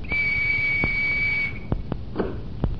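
A single long, steady, high-pitched whistle blast, blown to open the door of Agnew's cottage, holds for over a second, then stops, followed by several sharp mechanical clicks and knocks against a faint background hiss. The door is opened by an electric mechanism that responds to the whistle's sound.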